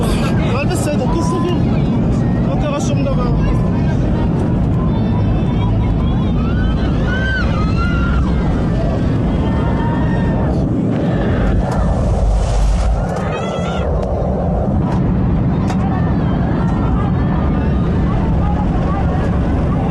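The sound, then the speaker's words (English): A loud, continuous engine roar fills the cabin of a passenger plane plummeting towards Earth, its rudder believed damaged, with agitated voices talking and calling out over the steady mechanical drone. “Yeah, you can hear the noises of the engine there, and the rudder of the plane is believed to have been damaged and come off because it exceeded its maximum speed limit on the way down.”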